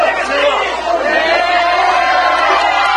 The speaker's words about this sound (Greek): Ενθουσιασμένοι πανηγύριζαν στο γήπεδο στην Ατλάντα και η σύζυγος του Λιονέλ Μέση με τα παιδιά τους.